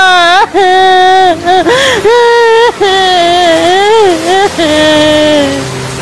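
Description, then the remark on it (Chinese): The water monkey, collapsed on the ground, wails and sobs loudly, in long, quavering cries broken by a few short gasping pauses, sounding heartbroken and desperate throughout. “水猴子瘫在地上痛哭不已，这哭声直让人肝肠寸断。”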